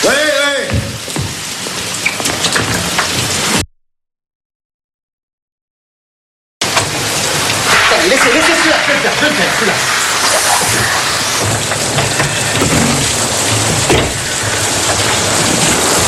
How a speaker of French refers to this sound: Qu'est-ce que vous attendez pour couper l'eau?